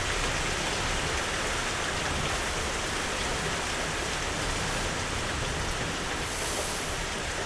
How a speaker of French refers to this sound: Il fait chaud dehors, mais il pleut dans le studio de la radio. Il y a du vent et des parasites.